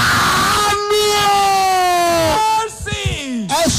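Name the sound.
audience screaming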